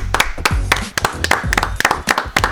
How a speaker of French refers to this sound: Qu'on applaudit.